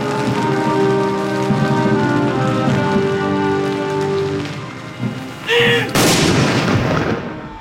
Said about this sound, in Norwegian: Samtidig sørgesalutt ved landets 9 saluttstasjoner. 21 skudd med 30 sekunders mellomrom.